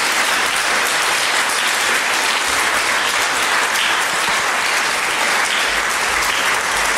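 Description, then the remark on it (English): An audience at a debate Regional Finals claps steadily for several seconds for two student speakers, a dense, even wash of many hands without pauses, holding loud from start to finish with no voices standing out. “Clap for them.”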